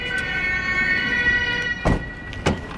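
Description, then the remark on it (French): A Lausanne police siren wails as the police arrive at an emergency intervention, with a steady, harmonic tone that stays loud throughout, and two short thuds break in near the end. No one speaks. “Et donc la police qui arrive.”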